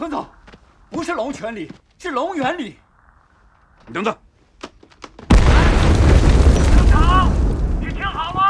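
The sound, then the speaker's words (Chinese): A man speaks in short bursts, then a sudden, loud roar of artillery explosions erupts and keeps rumbling heavily to the end, with voices shouting faintly underneath. “听到炮声了”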